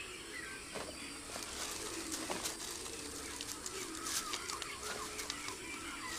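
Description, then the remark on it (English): A young caracara gives soft, scattered clucking calls and short clicks over a steady outdoor hiss while grooming a capybara in marshland, picking off its ticks. Fairly quiet, with no one talking. “The young caracara gives him a makeover.”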